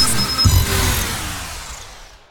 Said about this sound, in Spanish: Bueno, bueno, ¿y ese coche? Es un Ebro S400.